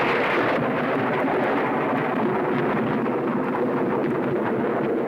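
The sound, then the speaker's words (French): A loud, continuous roll of thunder rumbles steadily for several seconds, deep and dense, with no pauses or voices over it. “Ouais, c'est au tonnerre que je pensais, t'as gagné.”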